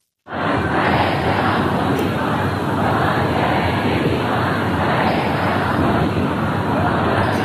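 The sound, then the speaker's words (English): A huge crowd of mourners at funeral proceedings in Mashhad, Iran, roars continuously and loudly, a dense wall of many voices with faint rhythmic surges of chanted slogans against compromise with the US, denouncing American and Israeli leaders, sustained without pause throughout. “Well, we can hear their mourners who filled the city of Mashhad for the last several days of funeral proceedings.”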